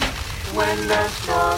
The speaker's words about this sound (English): It's a friggin' hailstorm.